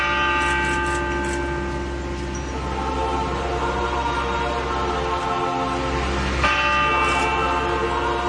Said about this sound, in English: And everybody, when that first bell just tolled.